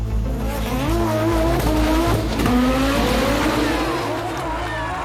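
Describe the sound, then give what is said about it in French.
A rally car races past on the final special stage of the 1981 San Remo Rally, started just after 10:30 pm, with a loud, sustained engine roar, its pitch rising and falling as it shifts, while tires squeal in high, wavering screeches throughout. “Il est un peu plus de 22h30 lorsqu'est donné le départ de la dernière spéciale.”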